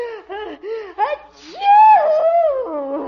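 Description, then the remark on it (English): A series of quick, rising voiced gasps builds up, then a loud sneeze bursts out and trails into a long, wavering vocal tone. “Gesundheit. Oh, my goodness. Oh, my nose tickles.”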